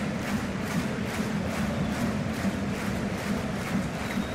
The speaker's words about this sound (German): Die Werderaner arbeiten hier am Ausgleich und das Publikum kommt jetzt auch mit. Das Stadion steht, mehr als 40.000 im Bremer-Weser-Stadion.